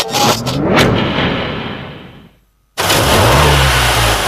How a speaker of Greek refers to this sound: Ακούστε πως πάει, ακούς υποδύναμη, ροπές! Πάει σφαίρα το εργαλείο, άλλαξες μηχανή. Άλλαξα συνεργείο.